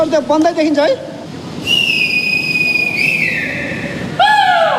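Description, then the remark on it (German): Shrill whistle blasts from dozens of rescue workers gathered in front of tunnels, held long and steady, follow a burst of loud, wavering shouting voices at the start as they draw attention to themselves, all over a rough, noisy outdoor background; a final whistle sounds near the end. “Mit Pfeifen und Rufen machen die Einsatzkräfte auf sich aufmerksam.”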